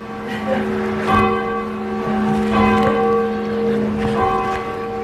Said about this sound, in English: I think we have a video of you ringing the bell in the Old North Church. So the Old North Church is where they hung the lanterns, one if by land, two if by sea.